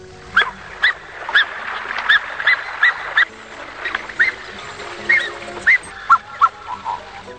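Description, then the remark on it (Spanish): An Andean goose, a bird the Mapuche call Piu Piu Curupel, gives a series of about a dozen short, high, whistling honks at an uneven pace, each brief and clear, with a soft background hiss and no talking. “Esta ave, a la que los mapuches nombran como Piu Piu Curupel, es normalmente gregaria, es decir, suele avistarse en parejas o grupos generalmente silenciosos, emitiendo ocasionalmente un silbido.”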